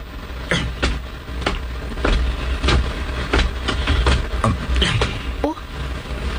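An owner-type jeep engine idles, a steady low rumble with irregular sharp clicks and rattles scattered over it throughout.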